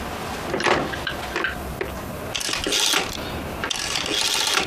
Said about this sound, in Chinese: 关门